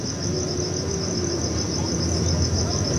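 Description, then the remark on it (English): Insects chirp steadily through the night in a forest, a continuous high-pitched pulsing trill that holds even and unbroken over a soft low rumble, with no voices. “But the owls and the insects were the wind and the leaves”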